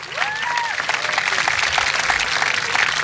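A crowd applauds steadily for the commander of the officers' school, dense clapping filling the whole three seconds at a fairly loud, even level, with a few brief whistles rising over the claps near the start.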